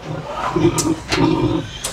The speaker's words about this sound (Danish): Og tilbage i grisestien i Sverige er det måske også godt lige at høre fra grisen selv, om den er tilfreds med de bedre forhold. Hvad siger du til Stien? Er du tilfreds?